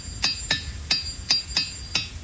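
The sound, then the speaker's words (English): Six sharp, bright clacks of rocks knocked together at a steady, slightly uneven pace, fairly loud, each with a brief ringing edge and no talking. “So in this challenge, we're going to talk about sounds and how we can make sounds with unconventional items like rocks.”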